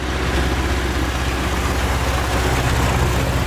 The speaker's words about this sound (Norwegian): Der kom så en traktor. Og i sådan det, jeg læser mellem linjerne fra Hanne, er, at der kommer ikke kun én traktor. Der kommer nok mere end én. Altså sådan i løbet af en dags tid i Gudme. Det virker som nogle af de store.